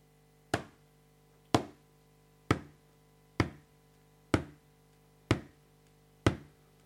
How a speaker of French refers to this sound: Des pas ? Comment ? Corbeau se dit que un humain est arrivé sur la terre et qu'il n'est même pas au courant. Alors Corbeau suit les pas. Et les pas s'arrêtent au bord d'une rivière.